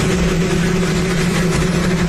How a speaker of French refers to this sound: Donald Trump coupe le ruban. Il n'a pas de micro et son discours est couvert par le bruit d'un hélicoptère.